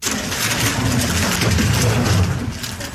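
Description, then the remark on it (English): Rapid, continuous clicking and clacking of a Rubik's Cube being twisted at speed by a 6-year-old girl from China, solving it in just over 4 seconds for a women's world record, a dense, fast rattle of small plastic snaps with no voices. “That is the clicking sound of a Rubik's Cube being speedily solved by a 6-year-old.”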